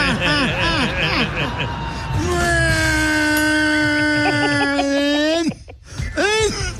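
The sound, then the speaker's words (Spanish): A voice imitates the sputtering, stalling engine of a sports car that is choking after hard acceleration: choppy vocal bursts, then a long strained droning hum that cuts off abruptly, followed by a few brief sputters. “Suena tu carro, güey.”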